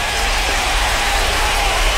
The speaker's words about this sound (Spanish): Claro que sí, que ese aplauso también vaya grandisísimo a todos ustedes.